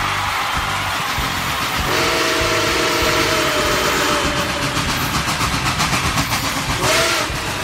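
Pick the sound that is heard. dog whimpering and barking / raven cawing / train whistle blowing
train whistle blowing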